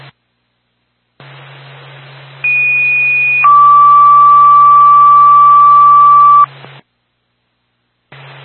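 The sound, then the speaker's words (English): A Franconia Fire Department dispatch paging tone over hissing radio static, for a fire alarm activation (basement smoke detector, zone 19) at 206 Wells Road: a short high steady tone jumps to a longer, lower steady tone lasting about three seconds, loud and clear, with no talking. “One State 2 Franconia Fire Department, stand by for tone.”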